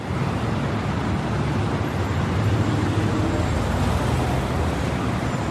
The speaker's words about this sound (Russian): Давайте перенесемся на одну из шумных улиц большого города. По крышам барабанит дождь, люди, съежившись от холода и сырости, спешат укрыться в теплых квартирах.